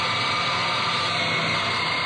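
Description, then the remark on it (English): A steady, dense, loud roar of industrial machinery on a plane assembly line in Texas building fighter planes, with engines and tools running continuously, with no voices. “Sure would like to hear the sound of all the work going on in the plane for X-Factor”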